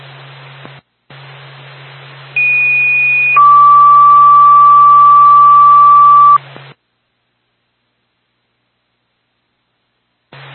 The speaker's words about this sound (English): Twin State, Franconia Fire Department, stand by for tone.